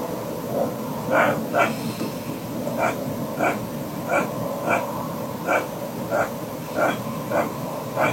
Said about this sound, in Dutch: Nou ja, ik wist het ook niet. Wij Vroege Vogels wisten het niet. Maar we hebben het even voorgelegd aan zoogdierexpert Jascha Dekker. En die denkt dat het misschien een ree is.